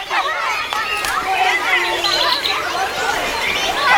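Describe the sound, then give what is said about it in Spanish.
Outdoor ambience with a steady wash of overlapping voices chattering, a lively crowd murmur that stays fairly constant throughout with no single voice standing out. “¿En un parque?”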